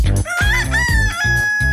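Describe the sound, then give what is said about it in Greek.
A loud, drawn-out rooster crow rings out over a steady, thumping low beat, the call rising and holding a high pitch for over a second. “Από το πρωί τους ακούν και τα κοκόρια.”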